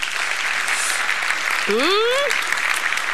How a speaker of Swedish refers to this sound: Så för att illustrera detta så har jag en fin familj här ifrån Bibelns tid. Ska ni ge dem en applåd?